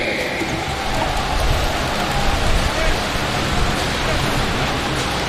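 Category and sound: crowd, audience applause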